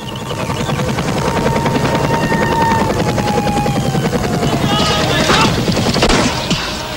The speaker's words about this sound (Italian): Il regime di Hussein intende con questo attacco liquidare definitivamente tutti i focolai di rivolta. Artiglieria pesante, carri armati, aerei e elicotteri.